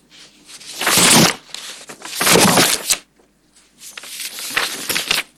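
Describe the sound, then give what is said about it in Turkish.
Filled sheets of paper being shuffled and rustled in three bursts of crisp, papery noise separated by brief pauses, with no talking. “Dolu kağıtlar birbirine karıştılar.”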